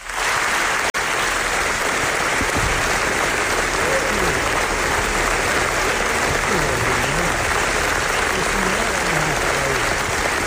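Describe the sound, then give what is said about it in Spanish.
Sustained, dense applause from a large audience, loud and steady throughout, with faint voices and cheers mixed into the clapping, an ovation for the directors at the presentation of the documentary Naza, which won the jury's special prize; the ovation lasted more than 24 minutes. “Que debe de ser impresionante porque, fijaos, el aplauso que recibió, que recibieron los directores en la presentación del documental.”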